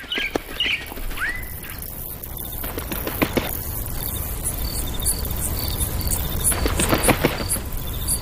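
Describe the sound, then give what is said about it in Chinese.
At dawn, a few bright bird whistles and chirps sound early on, then scattered calls continue over a steady, shrill insect trill and rustling background noise, with no voices. “鸟语欢歌，奏起大自然的乐章。”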